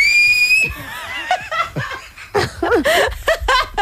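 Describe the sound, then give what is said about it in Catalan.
A short, steady high-pitched whistle from a person, lasting under a second, then breaking off into laughter and lively chatter from several people. “Va, xiular, home, xiular.”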